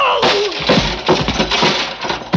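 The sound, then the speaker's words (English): A heavy steel pulley block, swung at one man who drops to the floor, slams into another man dead center beside a stack of crates: a loud, crunching impact followed by a rough clatter of smaller thuds and rattles across a couple of seconds as he falls. “I dropped to the floor and heard the thing connect behind me.”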